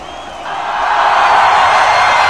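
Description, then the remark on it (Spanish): A stadium crowd's ovation at a Real Sociedad versus Espanyol football match swells within the first half second into a loud, steady roar of applause and cheering that holds to the end, with no clear voices on top. “Escuchen la ovación.”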